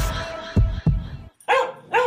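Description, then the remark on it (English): A small dog lets out two sharp, high-pitched barks spaced about half a second apart, after a couple of soft low thumps. “You heard the pup.”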